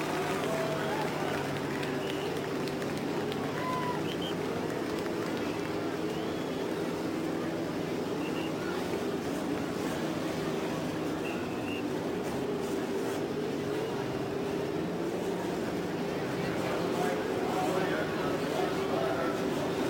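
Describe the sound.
A loud, continuous roar of many race car engines starting together on the main stretch at Indianapolis Motor Speedway, cars lined up in 11 rows of three, a dense rumbling drone that swells slightly toward the end, with indistinct voices mixed into the background.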